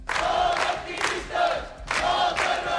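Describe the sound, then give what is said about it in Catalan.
A crowd of protesters, called out by the platform Menys Turisme, Més Vida, shouts and cheers with banners outside the courts on Via d'Alemanya, welcoming detained women after they gave statements. Loud, rhythmic surges: three strong bursts of many voices rising and falling like a chant, with no single speaker standing out. “Les han rebut així, entre abraçades i molta emoció, i amb crits i pancartes on es podia llegir detingudes, llibertat.”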